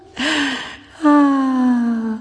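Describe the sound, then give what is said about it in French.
A sharp, audible gasp of breath drawn in, followed by a longer voiced exhale that slowly falls in pitch. Fairly loud, with no talking. “De l'air audible.”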